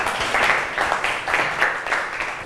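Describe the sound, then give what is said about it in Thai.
A group of children applauding group 3 together, a dense, steady patter of many hands with rhythmic swells about twice a second, moderately loud and with no talking over it. “แก้อาการหวัดได้เก่งมากปรบมือให้กับกลุ่ม3หน่อย”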